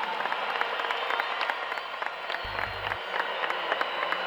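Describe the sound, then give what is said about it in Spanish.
A crowd applauds Paraguayan singer Milly Brites after she sang the Paraguayan national anthem. The clapping is dense, fills the whole clip at a fairly even, moderate loudness, and has a brief low thump midway. “Los aplausos para Milly Brites, ganadora del Poncho de 60 listas.”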